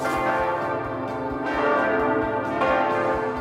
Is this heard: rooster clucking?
no